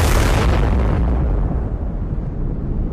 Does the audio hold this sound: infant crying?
no